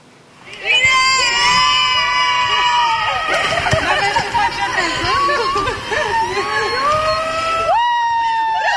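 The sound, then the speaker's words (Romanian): Several cast members of the film Eu contez, welcoming Alina Șerban with flowers at Henri Coandă airport in Romania, burst into loud, joyful shouting and cheering after a brief quiet start, with overlapping high-pitched whoops sustained throughout and a fresh rising yell near the end. “Alina Șerban a fost așteptată pe aeroportul Henri Coandă cu flori și urlete de bucurie de câțiva dintre actorii care fac parte din distribuția filmului Eu contez.”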